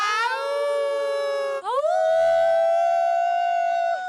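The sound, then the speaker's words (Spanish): A crowd of voices imitates a she-wolf howl in a long, loud, sustained cry that briefly breaks, then swoops upward in pitch and holds a steady wail until the end, at a concert in Macondo Park, Spain. “Llevaban 8 años ensayando el aullido de la loba.”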